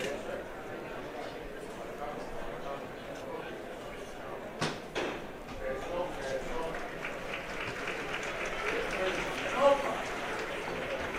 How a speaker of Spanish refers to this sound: Los aplausos que han podido escuchar de fondo son para la levantada del Santísimo Cristo del Perdón, que se encuentra aquí en Gran Espinosa, muy cerquita donde estamos.